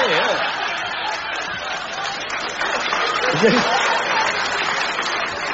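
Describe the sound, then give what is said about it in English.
A steady wash of audience applause fills the whole stretch, dense and even in loudness, with a few voices calling out faintly within the crowd noise. “Just a minute while my patients stop applauding those outside.”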